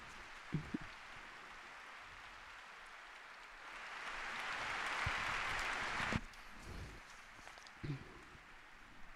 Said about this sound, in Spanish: El párroco interrumpido con calurosos aplausos.